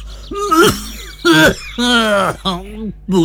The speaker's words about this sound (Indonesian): Aduh Pak, sudah 2 minggu lebih batuknya kok tidak sembuh-sembuh toh Pak.